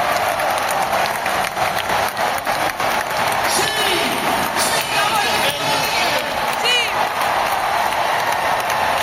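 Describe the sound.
A packed indoor basketball arena, the Caldeira in Santiago de Compostela, erupts at the final whistle in sustained applause and cheering as Obradoiro beats Guipúzcoa 85-68, a dense continuous roar of clapping with scattered whoops and shouted voices rising over it, loud throughout.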